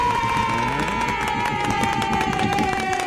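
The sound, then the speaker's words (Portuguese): A studio audience breaks into dense, steady applause mixed with cheering and whoops, loud and sustained for about three seconds without anyone speaking. “Aplausos, auditório, para nós.”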